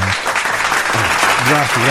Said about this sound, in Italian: Grazie a tutti per gli applausi.